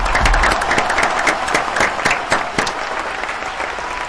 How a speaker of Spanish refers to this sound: Bueno, fuerte aplauso, ¿eh?